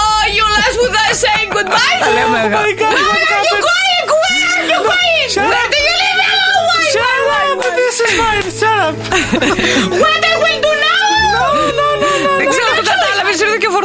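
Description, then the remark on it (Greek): A voice mimics the exaggerated, theatrical mourning sobs of a hired professional mourner in the United Kingdom, crying in the British manner, loud, with wavering wails rising and falling continuously for the whole stretch over a low steady background tone. “Κλαίω σε Βρετανός.”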